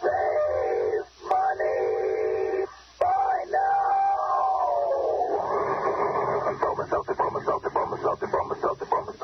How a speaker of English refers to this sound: You can take it straight from our educated Bromo Seltzer train, friends. The time to try Bromo Seltzer is right now. Listen.